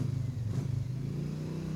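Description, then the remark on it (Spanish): A motorcycle engine revs steadily, a loud low droning rumble with a brief rise in pitch near the start before settling into a constant hum. “¿Se va en moto, Mano de Piedra?”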